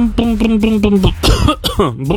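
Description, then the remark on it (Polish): A voice imitates a Fiat 126p car engine, with a rapid sputtering, buzzing putter that breaks into rough, cough-like bursts and wheezes, fairly loud. “Tak robi mój maluch.”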